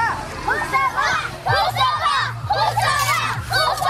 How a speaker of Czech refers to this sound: Asi nejhlasitější fanouškovský tábor tady, zdejší je základní škola Husova liberecká. Děti si vyrobili plakáty se jmény svých hrdinů, spolužáků.